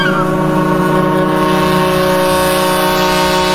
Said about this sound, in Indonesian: Kanda, sebentar lagi kapal kita akan bersandar di dermaga kampung halamannya.